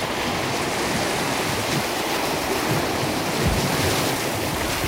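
Steady roar of sea surf fills the whole stretch, a dense wash of breaking waves with gentle swells and a few deeper surges, fairly loud, no voices.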